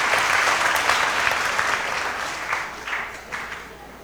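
An audience applauds the members of the Hermandad de Santa María del Camino in a dense, steady burst of applause that holds for a few seconds, then thins and softens toward the end with a few separate claps standing out.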